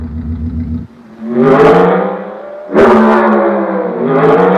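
The engine of the GRX, called the most powerful and fastest car in the world, idles with a low rumble, then roars through two sharp revs, its pitch climbing and falling each time before settling back to a loud, throaty drone. No one speaks.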